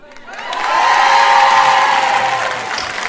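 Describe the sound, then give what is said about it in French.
The women in a live audience burst into applause and high-pitched cheering, swelling within half a second and holding loud and dense for a few seconds before easing slightly at the end. “Les hommes ne sont pas tout à fait d'accord. Ils n'ont pas applaudi.”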